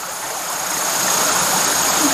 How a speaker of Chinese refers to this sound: 对啊，这洞挺深的，大家要注意安全。你看，听到下面听到哗哗的流水声音。